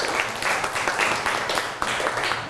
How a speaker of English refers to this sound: Clap your hand for her. Good job.